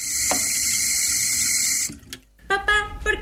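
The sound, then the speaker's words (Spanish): A faucet runs in a loud, steady hissing stream for nearly two seconds, then cuts off abruptly, leaving a brief quiet before a few short, higher-pitched tonal sounds. “¿Cerrar la pila mientras nos cepillamos los dientes?”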